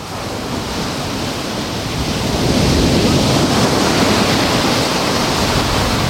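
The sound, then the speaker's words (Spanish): Steady roar of ocean surf mixed with gusting wind at the beach of La Rábita, recorded from the seafront promenade with the microphone moved a little closer; a dense continuous wash of noise that swells slightly louder midway, with no voices. “Mezcla de sonido de olas y de viento.”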